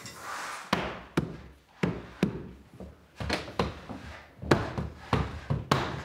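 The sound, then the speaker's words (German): Carpenters hammer wood while fitting a door leaf in a bedroom, an irregular series of about a dozen sharp knocks, some in quick pairs, fairly loud, with no talking. “Die Zimmerer sind noch mal da. Das Türblatt einsetzen.”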